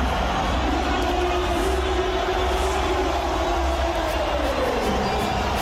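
A large football stadium crowd roars steadily as a drawn-out collective vocal swell builds and slowly fades in a slow-motion wave, spectators deliberately rising very slowly so the wave moves around the stadium at an unusual speed, at constant loudness for about six seconds.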